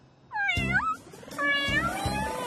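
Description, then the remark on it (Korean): Two drawn-out cat meows, the first rising and falling, the second a longer wavering call, loud and clear with a low rumble beneath; no talking. “야옹들 출동해.”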